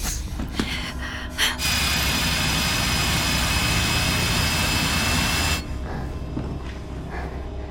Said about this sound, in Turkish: Tekrar delmeye başladılar. Evet, ama bir kişi deliyor.